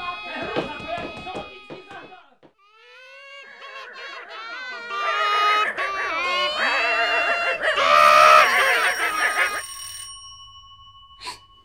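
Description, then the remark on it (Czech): Elephant-like trumpeting in a long run of brassy, wavering blares that swoop up and down in pitch, swelling louder toward the end before cutting off, followed by a faint steady tone. “co pak tam mají slona?”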